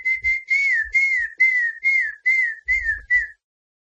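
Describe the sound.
A person whistles a bird-like call: about nine short, high, slightly descending notes in a quick, steady rhythm, fairly loud, with no talking, then silence. It is a WhatsApp user's whistled imitation of a famous bird call, shared among Brazilians.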